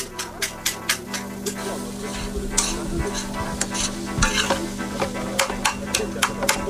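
Food seasoned with garlic granules and paprika sizzles steadily in a hot pan while a utensil gives it a first vigorous stir, scraping through it with repeated clicking strokes, with a low hum underneath throughout.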